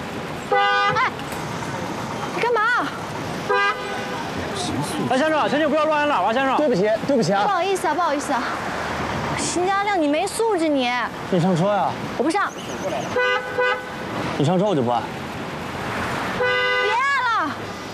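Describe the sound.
A man in a car honks its horn again and again in short, loud blasts at irregular intervals to get a woman to get in, while people keep talking and arguing over it.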